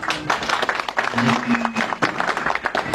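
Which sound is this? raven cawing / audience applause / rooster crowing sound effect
audience applause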